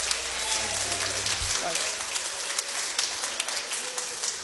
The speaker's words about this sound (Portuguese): Vamos receber o servo do Senhor com alegria, com palmas para Cristo. Bem alegre as palmas para o Senhor.